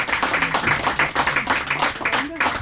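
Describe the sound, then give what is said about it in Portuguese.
A studio audience on the TV show Estrela da Tarde applauds a guest singer steadily. It is a dense wash of clapping that fills the whole moment, with faint voices murmuring or calling out beneath it. “E merece palmas, obrigada, não merece?”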